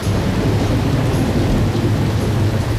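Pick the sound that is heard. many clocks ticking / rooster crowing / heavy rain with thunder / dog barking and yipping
heavy rain with thunder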